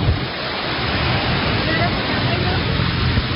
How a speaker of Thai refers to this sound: ทั้งฝนทั้งฟ้าทั้งเสียงมาครบ มาจากมาแล้ว